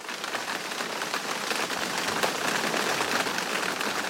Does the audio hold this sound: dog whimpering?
no